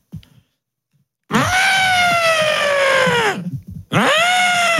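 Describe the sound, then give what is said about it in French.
A person imitates an elephant's trumpet with a loud, strained, brassy call that holds for about two seconds while sliding slightly downward in pitch. After a brief gap, a second blast begins. “Tu sais faire l'éléphant.”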